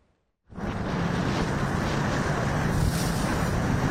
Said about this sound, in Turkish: Efes 2026 tatbikatı nefes kesti adeta. Tatbikatta yerli ve milli hücum botu Karayel sahneye çıktı.